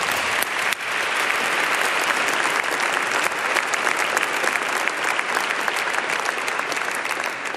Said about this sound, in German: Danke euch. Nochmal einen Applaus.